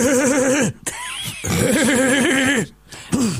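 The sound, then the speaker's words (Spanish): A man's voice mimics the rumbling diesel engine of a Mercedes 1114 bus, a classic 1980s city bus, in two loud, wavering bursts separated by a brief pause, the imitation wobbling up and down in pitch and coming out sounding rather like a horse's whinny. “¿Te sale el 1114? Y ese es más, más gasolero, ¿viste? Claro, es gasolero.”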